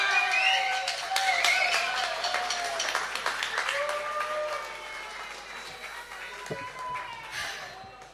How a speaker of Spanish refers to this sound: aplauso para nuestra vocalista